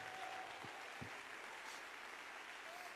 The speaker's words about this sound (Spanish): Dale ese aplauso de victoria al Señor.